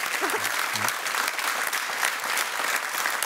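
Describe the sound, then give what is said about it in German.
Sustained audience applause, a dense steady wash of clapping from many hands, with a brief murmur of a voice near the start. “Das ist, glaube ich, in erster Linie Applaus für deinen Lebensmut und Lebenswillen.”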